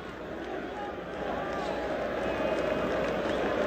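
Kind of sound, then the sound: crowd, football stadium crowd chanting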